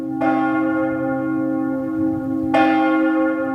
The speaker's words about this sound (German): Kirchenglocken können aber auch traurige Nachrichten verbreiten. In manchen Gemeinden gibt es noch das Totengeläut, wenn ein Mensch aus der Gemeinde gestorben ist.